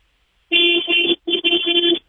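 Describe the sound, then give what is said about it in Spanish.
A car horn honks loud in a quick rhythmic "oye" pattern on a count of three, two sustained blasts each broken into shorter pulses, with a brief gap between them and no talking. “Quiero que me regales un oye con el claxon a las 3.”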